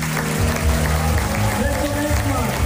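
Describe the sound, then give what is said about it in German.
A crowd claps and cheers steadily as Till Brönner says the House of Jazz needs a future, a dense wash of applause with some voices mixed in, loud and sustained throughout. “So, ich hoffe, das hat man in all dem Jubel verstanden.”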